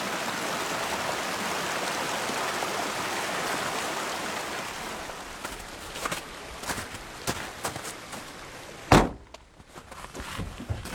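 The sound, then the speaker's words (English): A mountain stream swollen with melting snow rushes and cascades steadily down the mountain amid Douglas fir forest at around 9,000 feet, loud at first, then fades as scattered footsteps and soft knocks take over, with one sharp thunk near the end. “And streams swollen with melting snow cascade down the mountain.”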